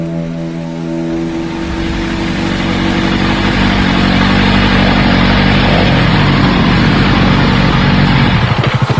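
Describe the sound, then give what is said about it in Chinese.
Motorcycle engines of outdoor travelers touring by motorcycle run loud on grassland near the national border, on their way to Tacheng: a steady droning hum at first that swells into a rough, roaring rumble as they rev, with no voices heard. “我们是户外的驴友，骑摩托车旅行呢。”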